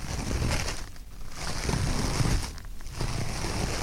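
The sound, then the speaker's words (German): Two sheets of toilet paper rubbed between the hands to imitate footsteps in snow: a continuous, papery rubbing and rustling, fairly loud with brief dips between strokes, resembling crunching steps in snow. No one speaks. “Reißt zwei Blätter ab und reibt sie zwischen euren Händen. Das hört sich dann so an.”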